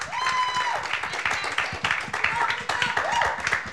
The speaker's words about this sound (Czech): tak prosím potlesk za odvahu, že přihlásila písničku.